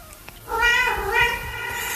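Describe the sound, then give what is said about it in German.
A domestic cat lets out one long, drawn-out meow at the end of a song, rising and wavering, fairly loud, with no talking over it. “Bis jetzt geht es letztes Miauen am Schluss von diesem Song.”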